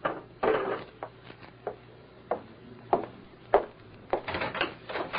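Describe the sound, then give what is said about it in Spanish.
A door is opened and shut with a series of wooden bumps, knocks and rattles, irregularly spaced over several seconds, with no voices. “¡No cierre la puerta, vieja desgraciada!”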